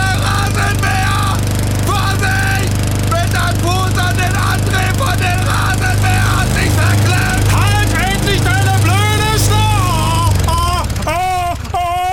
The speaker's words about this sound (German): Der Fuß ist in den Rasenmäher gekommen. Haben Sie wahrscheinlich jetzt selber schon mitgekriegt, ne?